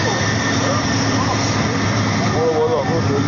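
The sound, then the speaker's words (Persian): A loud, steady roar of a jet airplane engine running on an apron outside the bounds of Istanbul Airport, a Fly Kish plane that passengers must board there, with faint voices underneath the constant whine and rumble. “خارج از حتی محدوده فرودگاه استانبول هم اومدن گذاشتن هواپیمارو از اینجا باید سوار شد.”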